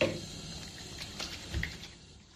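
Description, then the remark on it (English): Soft splashing as warm water is scooped and rubbed over a face with a simple face wash during a skincare routine, a few quiet wet bursts over a steady low hiss, with no one talking. “Okay, so warm water. I have a facial wash here, simple face wash.”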